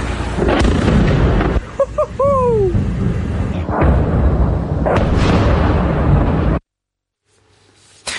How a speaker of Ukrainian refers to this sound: Жителі «Енгельса» в соцмережах пишуть про вибухи і велику кількість дронів над їхнім містом.